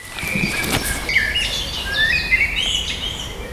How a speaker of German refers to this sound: Dann ging es mit der Vogelstimmenwanderung durch den Lindenpark los.